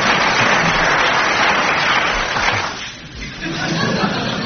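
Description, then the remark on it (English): An audience at the delicatessen ball applauds a guest's arrival in a dense, steady wash of clapping that stays loud, thins briefly about three seconds in, then swells again to the end. “Round of applause.”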